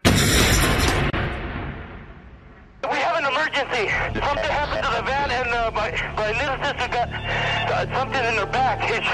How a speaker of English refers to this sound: Just as the van started moving, there was an explosion.